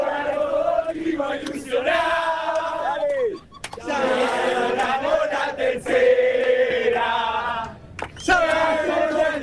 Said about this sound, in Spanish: Levantan los celulares porque no pueden entender cómo los argentinos cantan así. Escucha, escucha, escucha.